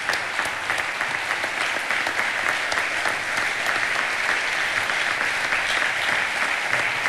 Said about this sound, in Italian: Questo applauso lungo qualcosa significa, grazie.